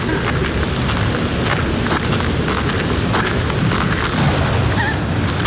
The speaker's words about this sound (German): Beeilt euch. Das Gewitter ist fast schon über uns.